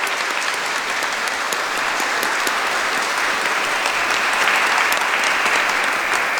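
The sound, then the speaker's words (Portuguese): An audience at Nossa Senhora de Caravaggio church applauds steadily, a dense wash of many hands clapping at an even loudness for several seconds, swelling slightly near the end, with no voices heard over it. “E pelo pequeno projeto e pelo pessoal do A, vou dar uma salva de palmas por esse carinho, por essa dedicação.”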